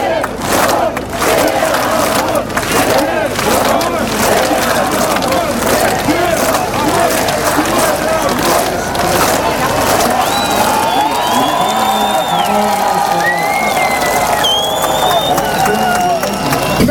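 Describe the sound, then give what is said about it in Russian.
A large crowd at a political rally and picket in Belarus, campaigning for candidate Svetlana Tikhanovskaya, chants and shouts loudly and continuously in rhythmic bursts, with a few shrill whistles piercing through toward the end. “Добрый вечер, но сегодня у нас здесь митинг, пикет, посвященный агитации за нашего замечательного кандидата, единственного кандидата в Беларуси, Светлану Тихановскую.”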